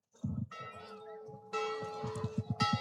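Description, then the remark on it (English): The Wildcats' big bell in a stadium clangs loudly and repeatedly in a quick, steady rhythm after a Wildcats touchdown and extra point in a football game, its ringing tones sustaining and overlapping, with a fresh burst of strikes near the end. “Wildcat bell ringing loud and proud tonight as the extra point splits the uprights.”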